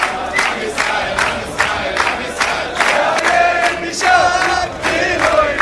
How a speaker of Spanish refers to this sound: ¿Y sabés qué le gritan? Hay que borrar, arrasar con Palestina. Borrar Palestina, una cosa así. Arrasar con Palestina. Y todos aplauden felices.